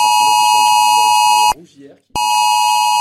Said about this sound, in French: C'est aux alentours de 3 heures cette nuit que les habitants ont reçu cette alerte sur leur téléphone.